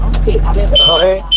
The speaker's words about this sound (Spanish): No, pero la alarma nos ha fastidiado un poco el audio, se te escuchaba regulín.